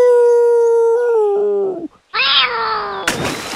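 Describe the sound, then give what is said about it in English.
A human voice imitates a wolf howl: a long, sustained wavering tone that slides downward, breaks off briefly, then rises into a strained, noisy yowl ending in a burst of breath. “Then he howled like a wolf.”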